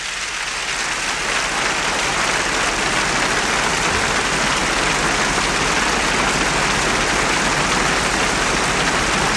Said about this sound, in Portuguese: Vamos então avançar para dentro do festival, depois das palmas que a orquestra recebe, dirigida por Isaac Grazini.